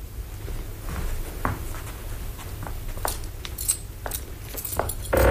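A key rattles and clicks in a lock, followed by scattered knocks and creaks as a wooden chest is opened to put away a gift of food, over a low background rumble.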